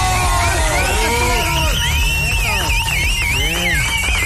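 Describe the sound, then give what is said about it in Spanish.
A loud, steady roar of crowd applause and cheering for Gil Morelos, a businessman and city councillor for Morelia, with shrill whistles or noisemakers sliding up and down in pitch over the dense clapping. “¡Aplausos, por favor! ¡Bravo!”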